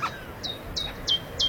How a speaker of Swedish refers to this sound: Gransångare. Ja, se där. Se där. Festa. Äntligen, tänkte jag säga. Skönt med lite fågelsång och inte bara skränande.